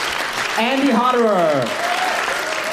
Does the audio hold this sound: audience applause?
yes